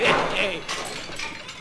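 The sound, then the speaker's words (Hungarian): A glass preserving jar shatters, giving a few bright, crashing bursts of breaking glass over a second or so, with a muffled voice briefly audible at the start. “Esebefőtes üveg volt, valóban.”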